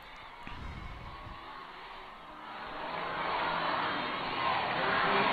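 A large crowd cheers and shouts in a dense, continuous roar that swells louder partway through and stays loud, with no distinct voice standing out, as it welcomes Pope Leo XIV, who stops in the popemobile in Italy.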